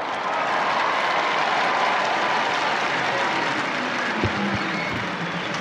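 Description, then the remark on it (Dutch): A large crowd awaiting the arrival of the Pope applauds and cheers steadily, a dense, continuous wash of clapping and voices that holds at a loud, even level throughout without pause. “Je hoort het al aan de reactie van de mensen zelf.”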